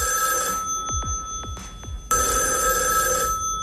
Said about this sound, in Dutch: Nou, de telefoon die gaat hier volgens mij in de verte.